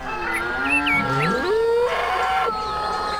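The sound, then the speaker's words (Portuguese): The 'galo papudo' rooster of the Bom Dia 104 morning show crows in one long, drawn-out call that rises in pitch and then holds a strained, buzzy tone for a couple of seconds, loud and with no one talking. “E o nosso galo papudo, hein, produção?”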